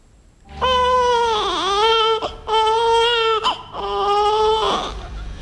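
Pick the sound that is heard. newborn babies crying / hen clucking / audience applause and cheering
newborn babies crying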